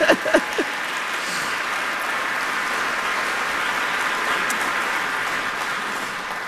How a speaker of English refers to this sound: One more round of applause for ….